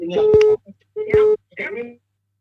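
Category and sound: signal or alarm, telephone line ringing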